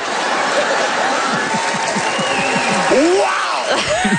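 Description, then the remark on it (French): An audience applauds jokes about religion and the health care system: steady, dense applause with many hands clapping, mixed with cheering and a few excited shouts and whoops rising above the clapping. “Wow! Hey, des applaudissements pour des blagues de religion et de système de santé.”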